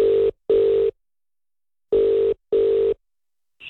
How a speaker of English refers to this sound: I've got his number punched in now, and we'll ask if he's doing okay. That's if he answers the phone.